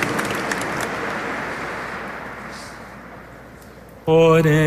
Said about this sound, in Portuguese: Vamos dar uma salva de palmas, agradecendo a generosidade do nosso povo, a caridade, o bem que fazemos.